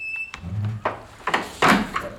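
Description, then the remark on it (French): A door is pulled shut: a few wooden knocks and scrapes build to a solid thunk and latch click, with no one speaking. “Et fermez la porte derrière vous.”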